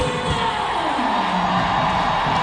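A stadium crowd applauds Riley Tiernan as she comes onto the field as a substitute, with a steady, dense wash of clapping and cheering that holds at an even level throughout, with a faint tonal swell rising underneath.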